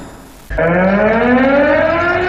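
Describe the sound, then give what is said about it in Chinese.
After a brief hiss of background noise, a loud civil air defense warning siren kicks in abruptly and holds a steady, droning wail whose pitch climbs slowly, during Henan Province's 2026 September 18 civil air defense alarm drill in Zhengzhou. No one speaks. “今天上午，河南省2026年9·18人民防空警报示明暨人防课幕展演活动在郑州举行。”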